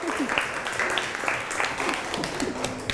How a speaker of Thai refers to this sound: ปรบมือกลุ่ม6หน่อย